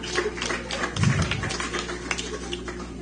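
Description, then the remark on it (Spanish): A crowd applauds after a baptism, many hands clapping together in a dense, steady patter that holds at a moderate level for a few seconds, with no voices standing out. “recibamos con fuertes aplausos.”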